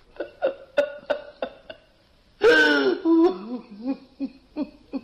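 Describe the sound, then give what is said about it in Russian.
A person sobs: a run of short, catching gasps breaks into a loud, wavering wail, then trails off into more broken, hiccuping sobs. “Ну, не плачь, не плачь, не надо, ну не плачь.”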